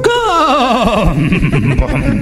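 A horse whinnies loudly, a high, quavering call that wobbles and slides downward before breaking into rougher, lower snorting tones, with no talking.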